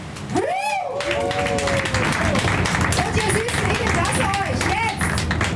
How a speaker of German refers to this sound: Ja, machen wir nochmal einen großen Applaus.